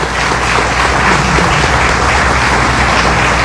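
Sustained audience applause for the press team of the newspaper Diario Católico receiving the Ramón J. Velázquez award, a dense steady wash of many hands clapping at an even, fairly loud level throughout, with no voices standing out.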